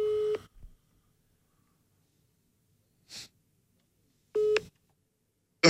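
A mobile phone ringback tone plays over a speakerphone during a live broadcast, two short buzzy pulses about four seconds apart with quiet between them and a soft breathy noise in the gap.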